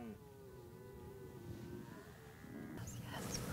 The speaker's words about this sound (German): Das ist einfach nur, dass er jetzt als junger oder jüngerer Hirsch mir antwortet darauf, dass ich auch sehnsüchtig rufe. Rufen oft junge Hirsche sich gegenseitig immer im Rufwechsel zu.